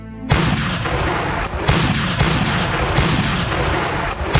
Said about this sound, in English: Amidst the roar of naval bombardment, the Marines stormed the battlements